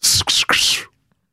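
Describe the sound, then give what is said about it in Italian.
A voice imitates an arrow's whoosh with the mouth: three quick, breathy hissing bursts in close succession, loud, then silence. “La freccia.”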